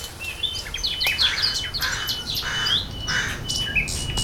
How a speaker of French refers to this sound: Vous marchez en forêt. Les oiseaux chantent, les feuilles bruissent.